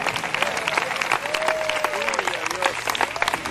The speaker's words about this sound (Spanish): ¿Cuántos alaban al Señor? La palabra de Dios es vida y es espíritu. Dele fuerte ese aplauso al Cristo de la gloria.